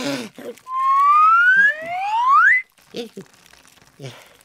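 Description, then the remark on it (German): A whistle is blown in one long, steady breath, its clear tone gliding upward in pitch for about two seconds, with a second rising tone joining near the end. Brief speech comes before and after. “Jetzt puste doch noch mal in die Pfeife.”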